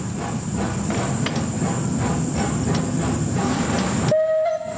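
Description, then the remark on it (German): A vintage steam tram, over 130 years old and numbered locomotive 12, rumbles along rails through the city of Bern with steady low mechanical rolling and clatter, a few sharp clanks punctuating it, ending in a brief high whistle-like tone after the rumble drops away. “Ein tolles Gefühl, mit einem über 130-jährigen Tram durch die Stadt Bern zu fahren.”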